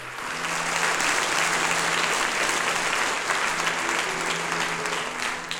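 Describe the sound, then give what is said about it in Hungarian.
Sustained audience applause welcoming footballer Puskás Öcsi, a dense steady patter of many hands clapping at even loudness for several seconds, with a faint low hum beneath and no speech. “Akkor mi egy tapssal köszöntünk téged most, jó?”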